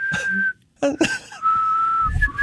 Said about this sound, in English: You know, I don't often whistle at 6 a.m. in the morning, but if I am, it's going to be with you and bright eyes.